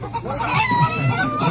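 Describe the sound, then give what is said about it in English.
Several chickens cluck and chatter in a steady, overlapping stream of short calls, with a constant low hum underneath and no one speaking. “You got chickens and stereo.”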